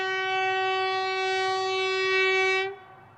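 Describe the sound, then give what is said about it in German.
A train on the Trans-Mongolian railway in Mongolia, heading toward the Chinese border, sounds one long, steady horn blast, loud and unwavering in pitch, with a faint low rumble beneath, before the horn cuts off abruptly. No one speaks. “Die transmongolische Eisenbahn schlängelt sich weiter in Richtung chinesische Grenze.”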